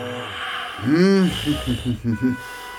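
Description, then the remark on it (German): A voice imitates the Moon snoring in a story: one long, loud, wavering snore, then a quick run of five or six short, rhythmic snorting puffs that fade off. “Doch der Gesang weckt zwar die Sonne, die jetzt am Horizont aufgeht, nicht aber den Mond, der einfach weiter schnarcht.”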